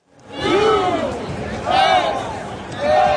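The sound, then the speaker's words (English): A loud, rowdy crowd of more than 70,000 at a FIFA World Cup soccer match between the U.S. and Turkey in sunny Southern California, Los Angeles, with massed cheering and chanting swelling in rising waves over a constant roar of babble. “It was a rowdy crowd of more than 70,000 who turned out in sunny Southern California to see the rare World Cup game that didn't really matter.”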